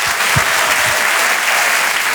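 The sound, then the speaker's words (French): An audience at the Rire et Chanson Comedy Club claps loudly and steadily to welcome a comedian on stage, a dense wash of applause filling the whole moment with no voices standing out. “Un tonnerre d'applaudissements, s'il vous plaît,”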